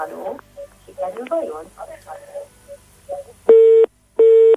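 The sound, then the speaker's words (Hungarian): Two loud, steady electronic tones of a disconnected phone line on a Mária Rádió call-in, each lasting under half a second with a brief gap between, following a stretch of a man talking; the caller had switched off the phone instead of the radio set. “Nem a telefont kellett volna, hanem a rádiókészüléket, de remélem, hogy legközelebb sikerül.”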